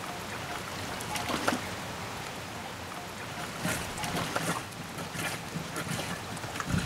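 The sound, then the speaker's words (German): Water sloshes and splashes in irregular bursts as laundry is washed by hand in a pre-wash, swished and wrung, over a steady wet background with no talking. “Das ist ja erst die Vorwäsche, weißt du? Wie bei einer richtigen Waschmaschine.”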